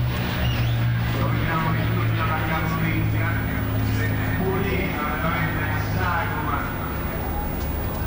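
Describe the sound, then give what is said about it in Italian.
A propeller fighter plane's engine drones loudly and steadily throughout, a deep sustained roar as it returns after a wide turn for another maximum-speed pass parallel to the watching public, with a person talking over the noise. “Ora sta tornando, dopo un'ampia virata in Cabrata, sta tornando a presentarsi davanti al pubblico, parallelamente. Un altro passaggio alla massima velocità.”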